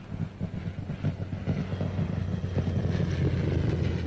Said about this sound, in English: That boy sure can handle a plane. Here he comes back again.